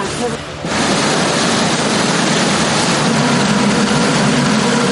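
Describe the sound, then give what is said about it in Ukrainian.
A pontoon boat's engine roars loudly and steadily at full power on a wide river, heading to a village flooded in the 1970s, a dense continuous drone with heavy rushing noise that swells up after the first half second and holds without pause. “Двигун гучно реве на повну, а ми ледь встигаємо фільмувати безкраї річкові простори на телефони.”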